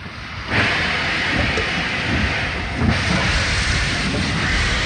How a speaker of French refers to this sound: Les trains rejoignent Soissons puis l'Allemagne. Le 27 mars 1942, le premier convoi s'élance, le tout premier d'une longue liste.